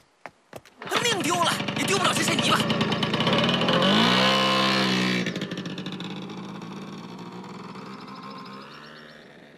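A couple of sharp clicks, then a motorcycle engine starts, revs up loudly with a rising whine, and pulls away, its drone steadily fading, as the rider takes excavated samples back for analysis.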